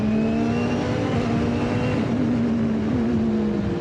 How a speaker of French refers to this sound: Là, j'ai changé la position pour avoir moins de temps de réponse avec le turbo. Et ça accélère encore plus fort. Ah, c'est horrible. Qu'est-ce que ça accélère, mon Dieu.